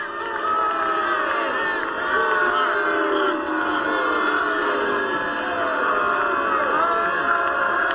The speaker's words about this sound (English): The Queen's just arriving, and everyone's booing and shaming. So you're hearing the Queen arrive at the exhibition buildings, the first Parliament House, back in 1901, up here at the end of Goethe Street, Fitzroy.